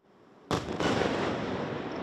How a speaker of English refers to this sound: Kyiv was under attack right through the night, shaken by huge explosions, as Russia targeted this city with its missiles and drones, and Ukraine tried to defend itself.